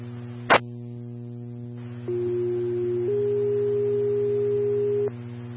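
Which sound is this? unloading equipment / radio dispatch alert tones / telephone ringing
radio dispatch alert tones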